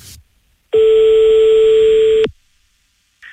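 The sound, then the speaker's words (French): A single loud, steady telephone ringing tone lasting about a second and a half, cutting in and out abruptly, with silence before and after and no talking, as a show places a call to a kickboxer from Montauban. “Et là, on passe un coup de fil donc au régional de l'étape, il est de Montauban,”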